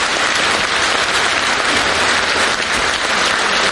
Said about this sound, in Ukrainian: Святкова вистава «Будьте як вдома». Коли Ада з'являється на сцені, зал зривається на овацію.